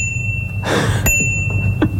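A bicycle bell on an e-bike rings with a bright, sustained metallic tone that hangs through the moment, over a low background rumble with a couple of soft clicks and a brief whoosh.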